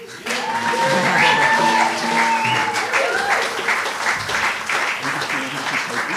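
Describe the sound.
A crowd claps loudly and steadily for several seconds, a dense, even wash of applause with a few voices cheering and whooping over it.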